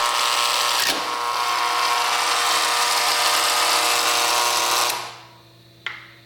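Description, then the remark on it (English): A door buzzer is held down, giving a loud, steady electric buzz for about four seconds before it cuts off, followed by a single short click. No one speaks. “If you want, but I'm not pressing the buzzer. Okay, then I'll do it.”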